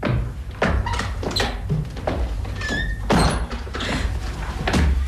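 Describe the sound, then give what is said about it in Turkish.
A door creaks and thunks open with a short squeak as a man comes in, then a flurry of bumps and scuffling thuds as people waiting behind the door jump on him. “Hadi şimdi kapının arkasına gel. Adam içeri girer girmez üstüne atlayacağız, tamam mı?”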